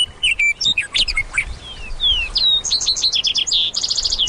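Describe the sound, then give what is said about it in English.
A lazuli bunting, vesper sparrows and western meadowlarks sing at once: bright whistled phrases, sweet slurred notes, and a fast run of repeated trills near the end, all clear with no voices. “Where the lazuli bunting sings, you'll often hear the music of vesper sparrows and western meadowlarks.”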